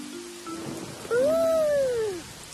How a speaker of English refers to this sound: The thunderstorm has brought a lot of rain.